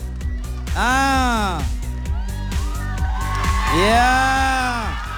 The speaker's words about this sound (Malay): Wow, sorakan gemuruh ya.